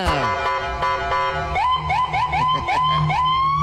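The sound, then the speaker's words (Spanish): A loud siren from the light bar of police patrol 446 holds a steady, shrill tone, then switches to a fast repeating yelp of rising whoops, each about half a second long. No one speaks. “¡Prende la torreta 446! ¡Préndela!”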